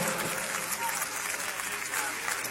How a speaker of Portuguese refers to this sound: Vamos recebê-la, ai, ai, ai, com aplauso bem forte para Jesus, e depois já vamos receber a nossa banda.